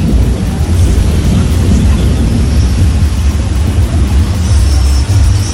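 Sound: thunder rumbling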